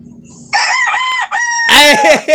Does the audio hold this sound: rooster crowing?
yes